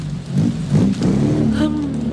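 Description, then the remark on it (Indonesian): An angkot minibus, already full of passengers, revs as it pulls away in the rain, its steady rumble climbing in pitch over about two seconds. “Aduh, Neng, udah penuh. Tunggu next angkot aja, weh.”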